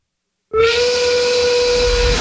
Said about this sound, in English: That's the 5 o'clock whistle.